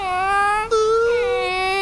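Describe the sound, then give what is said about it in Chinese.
A child, the little crocodile character Xiao E, wails over a toy car that needs fixing, a sustained, high-pitched cry with strong harmonics, breaking briefly for a breath before the loud sobbing tone resumes and wavers on. “小鳄，车车， 别哭，小鳄，我再去给你找叮咚修车车。”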